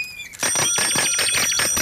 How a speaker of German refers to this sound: hör auf zu klingeln!